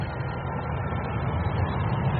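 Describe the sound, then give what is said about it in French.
A steady, dense rumble of city traffic with low engine drone, continuous and fairly loud throughout the short stretch, with no voices; the dense traffic includes car horns and a motorcycle speeding past with its engine screaming. “Une circulation dense, des klaxons, une moto passe à toute vitesse, moteur hurlant.”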